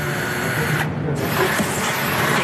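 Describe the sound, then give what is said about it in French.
A loud, steady mechanical whir of power drills and vacuum cleaners as an artwork is unveiled and moved runs throughout, dense, with a brief dip in its high hiss partway through. No one speaks. “L'œuvre était dévoilée, escortée, déplacée, dans le son des perceuses et des aspirateurs.”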